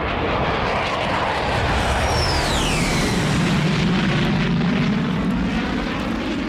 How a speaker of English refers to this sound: As soon as I came back into the studio, the Red Arrows flew across.